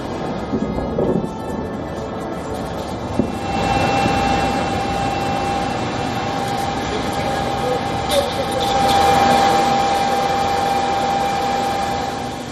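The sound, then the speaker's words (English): A steady, high-pitched engine drone from an attack drone hums continuously overhead during an overnight drone attack on Kyiv, Ukraine, sitting over a loud, broad rumbling roar that swells and fades throughout. “Ukrainian authorities claim that the capital came under a major overnight attack with drones striking several areas across the city and its outskirts.”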